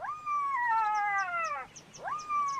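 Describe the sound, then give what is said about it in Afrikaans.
A jackal gives two drawn-out, high wailing yelps: the first long and sliding downward, the second rising sharply then holding. Faint, rhythmic chirps tick along in the background, with no talking. “Toe hoor hy 'n jakkals en sê.”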